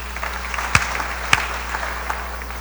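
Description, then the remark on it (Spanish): A church audience claps steadily together for the choir, children's ministry and everyone, a dense crackling wash of applause at moderate volume, punctuated by a couple of sharper, louder claps standing out from the crowd. “Muchas gracias, hermanos, y fuertes aplausos para todos.”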